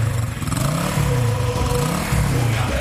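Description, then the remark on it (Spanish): A motorcycle engine revs loudly, its throaty growl rising and falling in pitch over a few seconds with a steady rumbling underneath. “Regístrese y prepárese para montarse en una moto nueva.”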